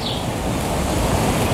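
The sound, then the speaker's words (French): Steady, loud Mediterranean wind rushes past by the sea at the village of Collioure on the Côte Vermeille, rumbling low with a broad hiss, with faint surf blended in. No voices, just continuous blustery noise throughout. “L'air de la Méditerranée, le vent”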